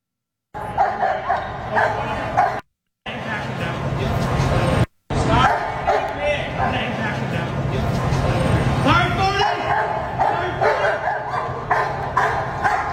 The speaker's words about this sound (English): This guy, this homeless man allegedly stabbed a parking attendant, and a San Diego police dog took him down. And I mean, took him down.